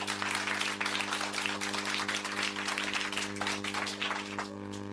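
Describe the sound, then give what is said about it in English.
A round of applause from a group at a quiz after a correct answer, a steady patter of many hands clapping that lasts several seconds over a constant low electrical hum, with no one talking. “A round of applause for the peace master.”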